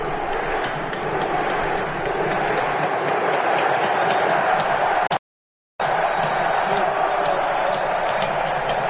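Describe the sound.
A dense, steady roar of Norwegian football fans cheering, many voices blended into one loud wash of noise, broken by a half-second cut to silence before the crowd noise resumes.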